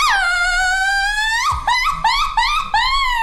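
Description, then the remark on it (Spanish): A loud mariachi grito shout: one long, high, sustained wailing note, then four quick yelping bursts that swoop up and down, performed by a single voice with no other sound. “Échate un grito de mariachi panzón.”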